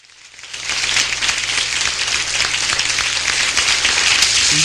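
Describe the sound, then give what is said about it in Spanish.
Audience applause at a Christian preaching program, called for by the pastor, swells in after a quiet start and holds steady as a dense, continuous wash of many hands clapping, fairly loud with no voices standing out. “A ver, arriba con ese aplauso.”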